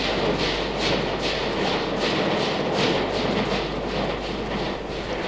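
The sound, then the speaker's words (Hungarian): A train departs from a railway station, its wheels beating out a steady, rapid clickety-clack over a loud, continuous rumble that eases slightly toward the end. “Elment a vonat.”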